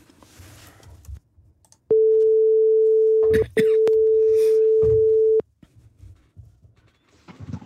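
A loud, steady single-pitch ringback tone from an outgoing phone call sounds twice, each burst lasting a second or two with a brief gap between, while faint talk murmurs around it.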